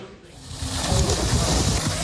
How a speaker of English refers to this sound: On a sweltering day, Israeli settlers splash in a pool at a Jordan Valley archaeological site. It was filled this summer by diverting the water supply for a nearby Palestinian village in the occupied West Bank.